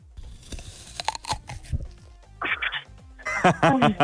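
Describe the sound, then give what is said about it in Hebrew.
Three separate crunchy bite sound samples, each a burst of crisp crackling and chewing noise with short pauses between them, fairly loud; the first is a bite of Bisli snack. “מה נשמע לך פה כמו אינווטלי, אתה יודע, נגיסה כזאת טובה, מה אתה חושב?”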